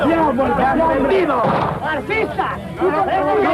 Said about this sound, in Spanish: Suena el primer disparo.